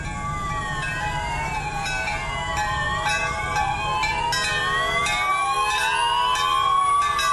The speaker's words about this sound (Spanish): que escuchaban al comienzo, las sirenas, los pitos, las campanas de las iglesias que sonaron a las 7:34 para rendir un homenaje a quienes perdieron la vida, a sus familias y a quienes perdieron todo. Así se escucharon estas campanas y estas sirenas.